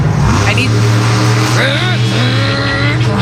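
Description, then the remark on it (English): Someone loudly imitates a revving monster truck engine with their voice over a talk back mic, for a shot at going to Monster Jam. It is a continuous growling vroom that rises and falls in pitch over a steady low rumble for about three seconds. “I just need a monster truck impersonation.”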